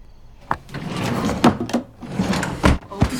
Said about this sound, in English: Tree puts the picture frame in the top dresser drawer.